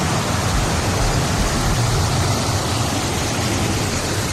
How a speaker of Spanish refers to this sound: Es el sonido de la lluvia, esperado, porque hemos hablado de sequía, pero claro, es que se han convertido las calles, por ejemplo.